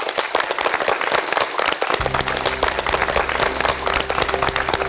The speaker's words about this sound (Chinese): 大家鼓掌。